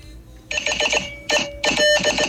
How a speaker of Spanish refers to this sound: Código Morse.